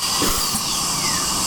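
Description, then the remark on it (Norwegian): A dentist's drill whines steadily at a high pitch, its shrill tone dipping slightly as it runs on without a break, with a faint hiss underneath. “Man ligger med tandlægen.”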